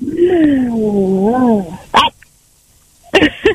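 A dog lets out a drawn-out, wavering whine, then gives a short sharp bark and, after a brief pause, a couple more quick barks.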